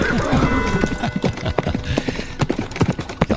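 Horse hooves clip-clop in a steady, uneven rhythm of sharp knocks, fairly loud, over a dense background of rustling and ambient noise.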